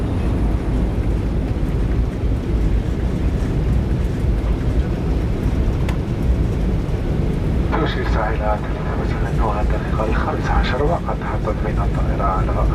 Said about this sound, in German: Anflug auf Konstantin. Es ist Nachmittag. Landung am Flughafen Mohammed Boudiaf.